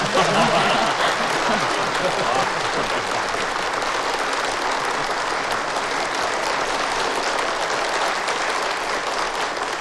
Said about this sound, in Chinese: 如果大家同意，可以鼓掌。